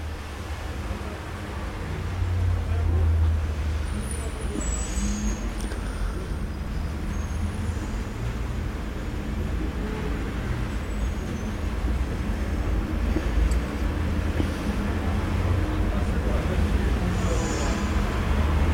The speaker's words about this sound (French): Passe un 86, les cocotiers sont arrivés. Un camion Nicolas. Un camion beurre au fromage. Plusieurs voitures, des taxis. Diverses voitures.